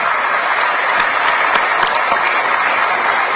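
A crowd applauds steadily, dense overlapping hand claps forming a continuous wash of sound at even loudness throughout, fairly close, with no talking over it.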